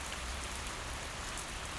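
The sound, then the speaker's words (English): Steady rain falls at night, pattering on hard surfaces in a dense, continuous hiss, even throughout with no breaks or voices. “It's a rainy night here in Sleepy Town. You can hear it, right?”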